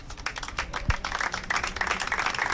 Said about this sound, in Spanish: Con aplausos, acababa el minuto de silencio en la sede de Bilbao